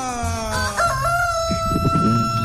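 A rooster crows loudly in one long, drawn-out call that wavers in pitch, with some muffled clatter underneath toward the end; it is the rooster of radio station La Reina 95.5.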